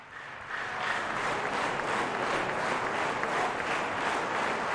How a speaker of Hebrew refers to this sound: והאמת שבאמת מוחאים לו מאוד כפיים. כן, כן. יכול להיות שהכי הרבה זמן עד עכשיו.